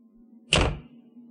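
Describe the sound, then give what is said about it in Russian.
A single solid thud of a door being shut by a woman stepping out and closing it behind her, with a brief muffled resonance that fades quickly over a faint, steady low hum. “Вышла жена совета, белоглазая женщина с опухшими веками, и закрыла за собой дверь.”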